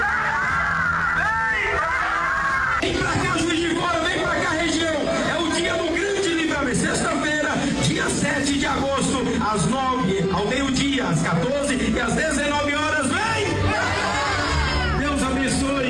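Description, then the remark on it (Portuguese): A large crowd in the morning at the state headquarters in Juiz de Fora fills the space with loud, continuous chatter, shouts and cheering, many overlapping voices with occasional whoops rising above the steady din. “E essa multidão que está comigo nessa manhã, convidamos a todos dizendo: vem!”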